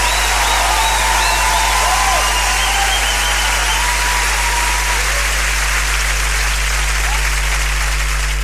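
Loud, sustained applause from a large audience fills the whole stretch, a dense wash of clapping with some cheering and whistles rising above it early on.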